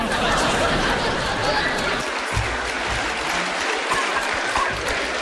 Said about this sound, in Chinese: 谢谢大家热烈的掌声，听众表演的非常卖力气。